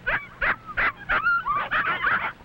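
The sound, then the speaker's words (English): Seven six-week-old puppies whimper and yip at feeding time as their dinner is brought, their high, wavering cries overlapping in quick, uneven bursts with no talking. “Now the puppies can have meat, dog food, and scraps from the table.”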